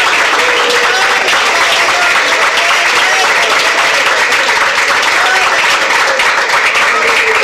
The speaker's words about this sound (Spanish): A ver, bueno, pues fuerte aplauso a Cristo, hermano. Verdaderamente que la salvación ha llegado a Él. Otro aplauso a Cristo, hermano. Gloria a Dios.